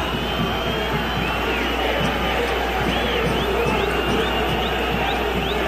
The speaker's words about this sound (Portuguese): E agora, obviamente, uma outra vaia no estádio do Morumbi. Sobe som do Morumba!